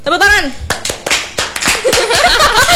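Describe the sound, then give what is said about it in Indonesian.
A small group applauds with sparse, sharp, uneven claps, fairly loud, while voices call out and chatter around them; a rising vocal whoop opens the moment. “Tepuk tangan semuanya.”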